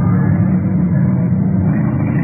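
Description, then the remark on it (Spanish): A car engine roars steadily at speed, a loud, continuous low rumble with no pauses or voices, a car racing at over 70 miles per hour down the road during a car chase. “Pese a que voy a más de 70 millas, ese auto no me pierda de vista.”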